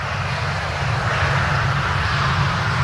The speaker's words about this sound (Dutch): Ik hoor een vliegtuig.